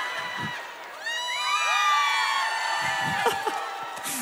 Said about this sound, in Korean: 아까 그 물 먹을 때 막 박수 나고 함성 나고 수준 높다 그러니까 더 하시는 거죠 지금.